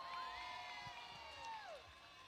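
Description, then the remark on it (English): An audience cheers and whoops steadily for eight contestants being introduced, with one drawn-out high whoop that slides downward near the end; the noise is continuous, though clapping is hard to pick out. “On nous montre sa vraie appréciation. Round of applause.”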